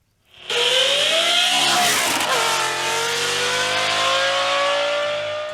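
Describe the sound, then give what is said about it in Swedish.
A powerful Lamborghini engine fitted in a red Volvo 245 roars loudly, its pitch climbing as the car accelerates, then settling into a sustained, throaty drone as it drives on along roads in central Sweden. No voices. “Vi ska nämligen prata med en man nu som har satt in en Lamborghini-motor i sin Volvo 245. Vi kan bara lyssna lite först på hur den låter då.”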